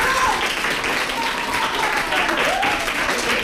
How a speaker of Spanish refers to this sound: Quiero pedir un aplauso para lo que acaban de decir los tres.